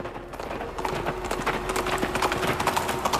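A black horse ridden in flight gallops with rapid, rhythmic hoofbeats pounding steadily for the whole stretch, the quick thudding clatter staying fairly loud and even with no voices.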